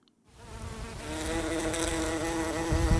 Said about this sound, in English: Bumblebees are one of the sights and sounds of the British summer. But our bumblebees are in trouble.